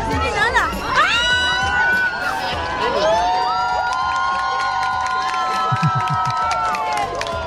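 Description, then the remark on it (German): A crowd erupts in sustained cheering at 20:31 as a total solar eclipse reaches totality, with high whoops, rising shouts and excited voices overlapping in a loud, continuous roar that stays strong throughout. “Selbst die Bar- und die Restaurantbetreiber haben die Musik ausgemacht und runtergedreht, bis dann um Punkt 20.31 Uhr die totale Sonnenfinsternis erreicht wurde und Jubel ausbrach.”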